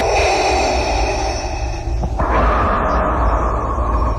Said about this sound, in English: Oh, yeah, just the breathing? Open bracket, heavy breathing, close bracket. It's my favourite quote of all time.